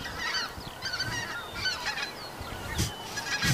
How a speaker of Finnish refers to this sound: Nyt tulee hanhet yli just joo. Tällä hetkellä.